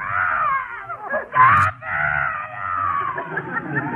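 A baby cries in one long, continuous high-pitched wail that wavers in pitch, breaking into a louder, harsher burst about a third of the way through before settling back into steady crying.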